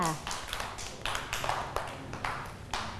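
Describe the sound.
A group of children in a lesson clapping for a classmate who correctly placed a picture of glass, in a steady run of quick, overlapping claps that keeps going for a few seconds at moderate loudness, with some faint voices mixed in.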